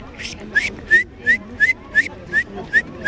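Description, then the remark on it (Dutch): A person whistles an imitation of a great tit: a steady string of about nine short, high, upward-slurred notes, evenly spaced and fairly loud, with breathy puffs between them and no talking. “Ik kon de koolmees heel goed nadoen. Laat maar horen.”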